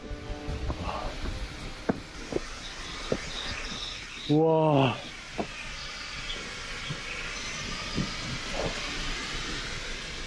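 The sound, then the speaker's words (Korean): Hot spring water boils in a valley at a former sulfur mine now used as a tourist site, with a steady rush of hissing steam and sulfur smoke filling the whole scene, while a person briefly exclaims once partway through. “저기 보시면은 물이 팔팔 끓고 있어요.”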